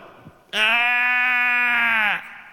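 A single long, loud sheep bleat, steady, lasting about a second and a half with a slight waver before cutting off, with no voices around it.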